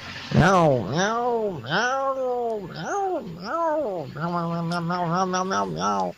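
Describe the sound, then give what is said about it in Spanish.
A voice imitates a cat meowing: four drawn-out, rising-and-falling meows, then a quicker, wavering run of meow-like calls. Fairly loud, with no other sounds. “¿La gata está lunada o no?”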